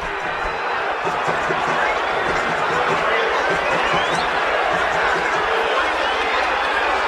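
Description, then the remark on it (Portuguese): The crowd at Santos' Vila Belmiro stadium boos and shouts in protest at the end of a 0-0 Copa do Brasil round-of-16 first-leg match against Remo, a dense, steady roar of many voices that holds at an even, loud level throughout without pause. “Vaias, cobranças, protestos.”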